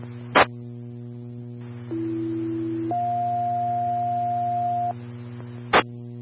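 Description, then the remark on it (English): Two-tone emergency dispatch alert over a radio, toning out an engine, a sheriff unit and a medic unit for a possible accident with injuries: a steady low tone for about a second, then a higher tone held for two seconds, framed by short static bursts and constant hum. “Boat engine 1, County Sam 1, Medic 5, tones for a possible accident with injuries in the area of 1770 Arizona.”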